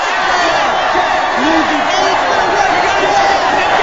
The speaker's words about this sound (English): The enormous gathering of child workers floods the street as they hold signs and wave copies of the Newsies banner.